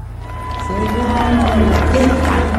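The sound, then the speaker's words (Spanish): A crowd cheers and applauds, a loud, steady wash of clapping with several voices shouting and calling out over it, swelling after the first half second and holding to the end. “¡Fuerte los aplausos y víbora!”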